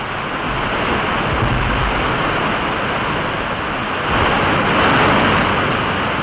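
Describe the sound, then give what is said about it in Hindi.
A steady, loud roar of rushing water from the first waterfall on the Kaveri river at Shivanasamudram, India, a dense continuous wash that swells slightly toward the end, with no voices. “ये देखिए, इस नदी पर ये पहला निर्झर है यानी जलप्रपात।”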